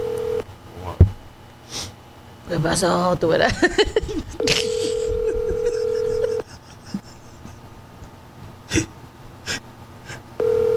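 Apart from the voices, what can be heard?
phone call ringing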